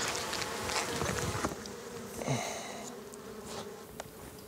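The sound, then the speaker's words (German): Honey bees buzz steadily around a hive as beekeepers work to take their honey, a dense, continuous hum with individual bees zipping past now and then, rising and fading in pitch. No one speaks. “Man muss mit den Bienen zusammenleben.”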